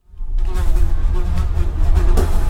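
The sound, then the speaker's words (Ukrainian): A fly buzzes loudly, starting abruptly and droning steadily without a break for a couple of seconds, with no voices. “Тягнули вони, тягнуть, аж надлітає докучлива муха, сідає собі поважно на ріг одного вола і їде з ним помаленьку.”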